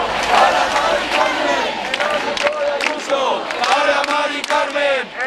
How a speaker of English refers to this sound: Crowds chanting there